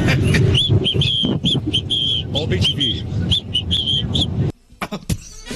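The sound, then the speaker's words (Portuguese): Rapid, repeated high bird chirps trill over a busy, full musical bed, loud and close, then cut off abruptly near the end, leaving only faint scattered sounds. “Vamos, vinheta, passarinho, tá?”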